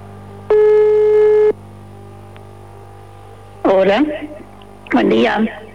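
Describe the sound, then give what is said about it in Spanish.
A single loud electronic telephone tone lasting about a second rings out over a steady low hum as a radio show calls a listener, then after a pause a voice speaks in two short bursts. “A ver, está sonando el teléfono.”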